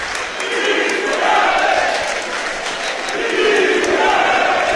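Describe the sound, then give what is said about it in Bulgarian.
A large football crowd at a CSKA versus Arda match, with CSKA leading 4-1 after a penalty, chants the name of Hristo Yanev in unison, two drawn-out, rising-and-falling phrases carried loudly over a steady roar of stadium noise. “Отново скандират името на Христо Янев.”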